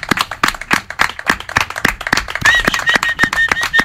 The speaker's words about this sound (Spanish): Oye, porque te mereces ese aplauso y 1000 más, ¿eh? Desde luego que sí.